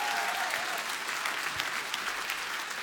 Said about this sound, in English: Yeah, Tampere, keep that Tampere applause spicy.